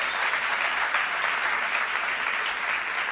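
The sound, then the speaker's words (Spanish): A crowd applauds a basketball player again, a dense, continuous wash of many hands clapping at an even loudness throughout, with no voices standing out. “Denle un aplauso al basquetbolista de nuevo.”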